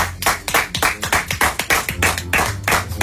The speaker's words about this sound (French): Il est l'heure, les amis, de faire entrer le premier duo. Applaudissements pour eux, s'il vous plaît.